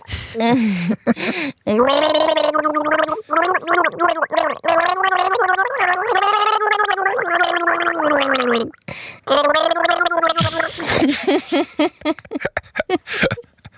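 Someone gargles a tune with water in the mouth, a bubbling, wavering hum that rises and falls in melody for several seconds, broken by short pauses and ending in sputtering splutters.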